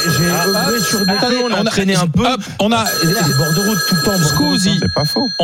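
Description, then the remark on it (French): A telephone rings with steady, high-pitched tones beneath continuous talking, briefly breaking off partway through before resuming; it is an incoming call to a radio show from a listener who wants to join in. “On a un appel GG, c'est-à-dire l'une de nos grandes gueules qui est en train d'écouter l'émission, c'est la nouveauté et qui veut intervenir.”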